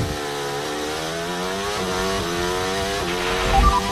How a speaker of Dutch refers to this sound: Je hoort hem gewoon nog een keer midden in terugschakelen. Ja, maar Russell kon gewoon daar in één keer doorjanken.